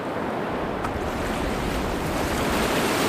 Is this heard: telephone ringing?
no